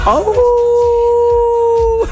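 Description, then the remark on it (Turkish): A person gives a single loud, drawn-out wolf-like howl, sliding up at the start and then holding a steady, clear tone for about two seconds before cutting off. “Eski kurt geri döndü.”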